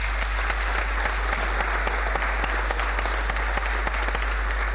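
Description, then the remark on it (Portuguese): A crowd at a tribute ceremony of the Gouveia municipal council applauds steadily for a former council worker, dense overlapping claps forming a loud, continuous wash of sound with scattered sharper individual claps standing out throughout. “Maria Fernanda Silvério Matos Duarte, que esteve ao serviço no setor de desenvolvimento habitacional, também não está presente por motivos pessoais, mas uma salva de palmas para ela também.”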